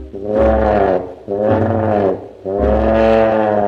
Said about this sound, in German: Der wasserscheue Löwe, der ihr natürlich nicht folgen will, steht vor dem Tümpel und brüllt dreimal ganz laut und kräftig folgendermaßen.